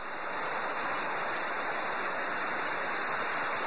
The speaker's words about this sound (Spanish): ¡Qué aguacero tan fuerte! Nunca había visto un aguacero tan duro. Y además está cayendo granizo, hijo.